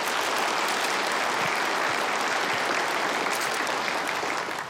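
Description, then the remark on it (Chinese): Steady audience applause at a herbal tea tasting event, after Qingzhilin herbal tea is announced as third place: a dense wash of many hands clapping at an even level for several seconds, with no voices rising above it. “大家掌声鼓励。”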